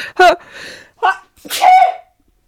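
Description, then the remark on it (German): Three loud, breathy nasal bursts of sniffling from someone who has a cold. The first two are short and sharp, and the last is longer and more drawn out, with no talking. “Und wenn ich manchmal so schniefe, dann liegt es einfach daran, dass ich gerade erkältet bin.”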